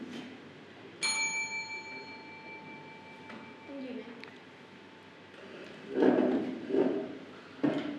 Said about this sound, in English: If you want to answer the questions, just ring the bell.